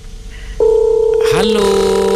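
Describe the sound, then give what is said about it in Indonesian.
A steady telephone tone with layered dialing beeps as a call is placed, then a connecting ring tone rising partway through, all fairly loud with no talking over it. “Kita akan coba telepon. Coba kita. Ya. Semoga diangkat ya.”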